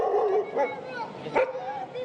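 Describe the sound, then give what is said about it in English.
A dog whimpers and whines in high, drawn-out tones at a crowded shelter where evacuated families brought their pets, breaking into a couple of short yips and a sharp bark midway, with murmuring voices in the background. “Dogs, cats, and even rabbits, they came too because leaving them behind was never an option.”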